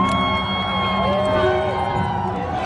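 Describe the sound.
A large crowd cheers and whoops at a music and arts festival with tens of thousands of visitors, a dense, steady roar of many voices with scattered shouts and higher calls rising above the din.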